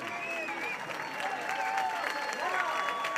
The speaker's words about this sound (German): So, das Lied geht hier gerade zu Ende. Die Menschen klatschen.